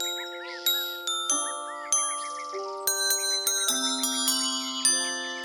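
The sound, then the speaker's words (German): Clear, bright bell-like chimes ring out one after another as bellflowers are moved, each flower sounding a different tone, each tone struck and left to shimmer, together forming a gentle melody over faint twittering in the background. “Hört, hört, wie schön sie klingen, wenn man sie bewegt.”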